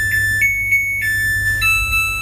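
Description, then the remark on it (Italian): A washing machine's end-of-cycle jingle, played when it finishes washing or drying: a short electronic melody of clear, steady beeping tones that steps up to a higher note near the end, over a low background hum. “Tu mi hai fatto sentire la canzoncina della tua lavatrice.”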